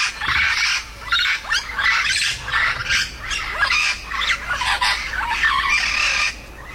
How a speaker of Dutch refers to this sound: In Vogelpark Avifauna zijn vier geelvleugel Amazones uit het ei gekropen. De soort was tientallen jaren uitgestorven op Aruba en wordt daar nu langzaam weer teruggebracht in de natuur. Zo klinkt hij.